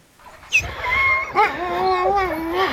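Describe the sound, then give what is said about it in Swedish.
Several light, fluffy sled dogs in Sisimiut, Greenland, just north of the Arctic Circle, howl together in a steady chorus, their long wavering tones overlapping and rising and falling for the whole stretch, fairly loud, with no talking. “ljusa, fluffiga hundar i Grönlands näst största stad Sisimiut, strax norr om polcirkeln”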